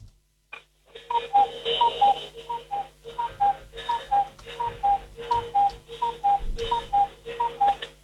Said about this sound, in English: Goodness. Yeah, it's got a ding to it. The bird comes out and cuckoos, but it's got a chime as well.